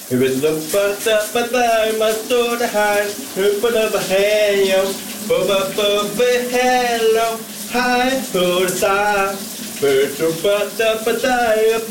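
A colleague's shower runs steadily in the morning with a hissing spray while a man sings loudly and continuously under it, his melody wavering above the constant rush of water.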